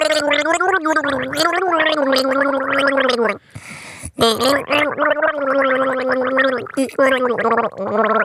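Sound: gargling a song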